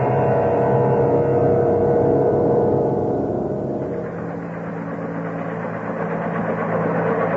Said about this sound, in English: Well, before we head in for actual re-entry, we activate the helicopter system. Then we can hover over it for a bit, take a careful look to see what we're getting on to when we land.